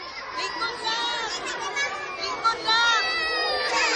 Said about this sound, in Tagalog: Ang hilak tao ni mga bata. Kaluoy.